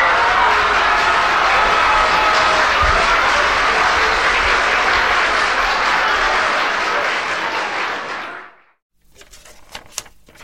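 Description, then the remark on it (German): A loud burst of canned applause played by pressing a sound button, a dense wash of clapping that holds steady for about eight seconds before cutting away into near silence with a few faint clicks. “auf dem Knöpfel ist dort Applaus. Druffdrucke”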